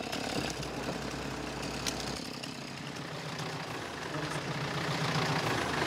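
vehicle, tractor engine running

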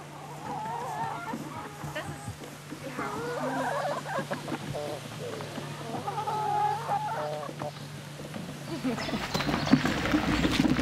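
animal, chickens clucking

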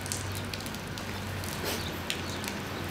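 nature, rain starting to fall

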